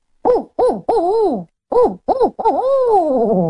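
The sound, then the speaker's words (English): A person's voice imitates a barred owl call, loud: two short hoots, a longer hoot, a pause, then two more short hoots and a long, drawn-out descending hoot. “Like the barred owl, I have to build us a lot of air to be able to do it.”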